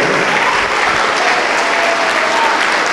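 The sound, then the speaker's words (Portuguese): A large church audience claps steadily to the Lord Jesus, a dense, loud wash of applause that holds at an even level for the full three seconds, with no voices standing out. “Vamos aplaudir ao Senhor Jesus por cada filho pródigo, por cada filha pródiga que está chegando.”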